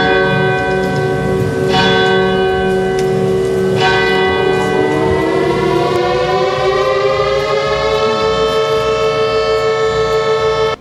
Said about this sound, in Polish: Zawyły syreny, odśpiewano hymny, podniesiono flagę, a pamięć poległych uczczono apelem poległych i salwą armatnią.